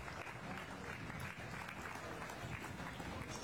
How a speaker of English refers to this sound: Let's give all these a round of applause and we'll bring these four back for the overall champion.